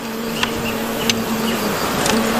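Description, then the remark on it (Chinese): A swarm of wild bees drones steadily at their large nest, found after climbing cliffs, a dense, continuous buzz broken only by a few faint ticks, with no voices. “蛮大啊，这窝， 好大的蜜蜂声音，嗡嗡的。”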